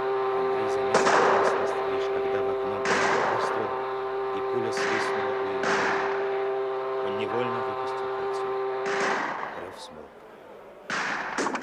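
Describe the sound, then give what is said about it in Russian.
Sharp, booming gunshots ring out about half a dozen times at irregular intervals at a boiler room, each with a brief echoing tail, over a loud, steady droning alarm horn that holds throughout before cutting off near the end. “От нового выстрела Андрей бросился к угольной яме.”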